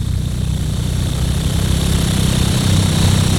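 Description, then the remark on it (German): A steady, low whirring drone with a faint high hum above it, like an electric fan running continuously at an even level with no voices. “Darum hier freue ich schnell ein bisschen Ventilatorgeräusch zum Abkühlen.”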